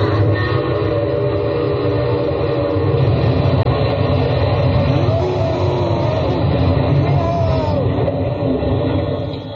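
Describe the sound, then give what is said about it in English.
A radio-drama car and train crash effect: a loud, sustained roar of a rushing train with faint horn-like tones, filling the whole stretch without a break and no voices. “The noisiest crash it's ever been on radio.”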